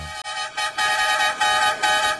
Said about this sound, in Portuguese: Bom dia, tá na hora, chama na buzina. Tem que chamar, tem que chamar, tem que chamar na buzina, meu irmão.